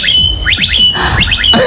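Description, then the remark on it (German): A blackbird mimics an electric scooter with two quick sets of three rising, whistly electronic-sounding sweeps. The calls are loud, with a steady low background hum and no talking. “Aber die kann auch gut Sachen imitieren, die Amsel, ne? Ja. Unter anderem den E-Roller.”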